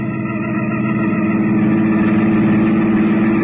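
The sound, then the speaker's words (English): A car engine runs loud, a steady low rumble with a rising hum as the car is driven out of a garage and pulls away. No one speaks. “I slipped down the back stairs, and before Catherine and the servants spotted me, I had my car out of the garage.”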